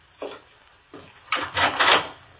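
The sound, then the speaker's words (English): A door opens: two short knocks of the latch, then a louder, drawn-out wooden scrape and creak lasting under a second. No one speaks. “Then he went to the door.”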